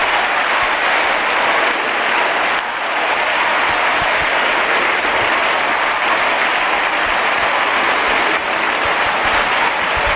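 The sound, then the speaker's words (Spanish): A large crowd of young people awaiting the Pope roars and applauds continuously, live at the Estadio Olímpic Lluís Companys in Montjuïc, Barcelona: a dense, loud wash of cheering and clapping that holds steady for the whole stretch with no speech on top. “Escucha el sonido en directo del Estadio Olímpic Lluís Companys en Montjuïc, Barcelona.”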